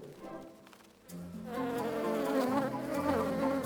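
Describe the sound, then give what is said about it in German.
A dense, droning hum of many bees swarming inside a hive, quieter at first and then swelling to a steady, layered buzz with no talking. “Trotzdem, ich muss sagen, ich bin froh, dass ich wieder im Bienenstock bin.”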